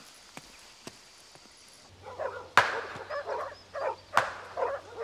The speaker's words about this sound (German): Moment, Moment, die Hunde kommen. Sie sind praktisch schon da.